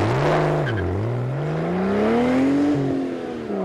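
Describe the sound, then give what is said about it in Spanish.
A loud racing engine roars and revs, its pitch dipping briefly before climbing steadily higher in a sustained, whining drone, with no voices over it. “y rugen esos motores.”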